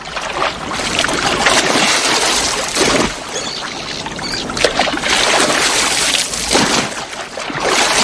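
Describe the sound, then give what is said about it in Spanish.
Loud, continuous splashing and churning water, swelling in rough surges every second or two, with no voices over it, made by one playing dead in the water and splashing during tricks. “Ahora es un muertito y chapotea.”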